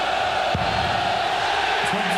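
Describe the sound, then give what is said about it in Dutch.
A darts crowd at a match between Van Duivenbode and Anderson reacts with a steady roar of voices, a few louder shouts and whoops rising out of the constant wash of noise. “Ja, het publiek gaat zich er inmiddels ook mee bemoeien.”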